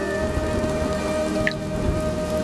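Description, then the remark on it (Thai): Steady rain falls in a dense, continuous patter, fairly loud, with a brief higher drip or splash near the middle. No one speaks. “กลิ่นฝนมาแล้วได้เวลาสนุกแล้ว”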